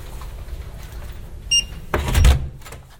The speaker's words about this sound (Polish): Drzwi. I karta. I światło. I nastała jasność. Mówisz? Zapiszczało. To powinno tak się właśnie stać.